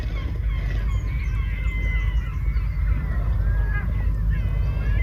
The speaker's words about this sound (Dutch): Net als meeuwen, want die hebben wij thuis ook. Maar Galicische meeuwen